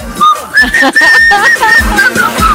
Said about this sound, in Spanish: ¿te acordás cuando había que silbar?